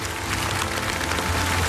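Steady audience applause, a dense, crackling wash of many hands clapping at an even loudness throughout, with a faint low hum underneath and no voices.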